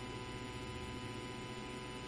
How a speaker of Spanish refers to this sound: ¿Qué es eso? No, yo creo que son los ventiladores, ¿no? Pero se escucha, ¿no?, así como una vibración medio extraña. Se escucha, ¿eh?